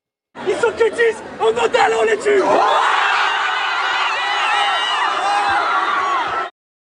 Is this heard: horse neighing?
no